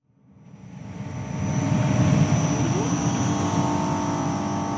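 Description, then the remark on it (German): A constant electrical hum from a battery storage plant of 28 shipping containers in Gurtnellen, canton of Uri, Switzerland, beside the motorway towards Gotthard, a steady low drone with a thin high whine above it, fading in over the first second and then holding level, with no one speaking. “Wäre da nicht dieses leise, konstante Brummen?”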